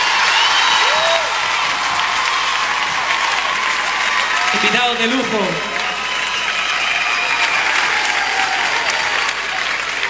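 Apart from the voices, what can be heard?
audience applause and cheering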